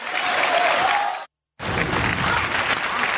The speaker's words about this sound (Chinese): 从这掌声啊，大伙儿就听出来了，比他们那一帮人都热烈，是不是？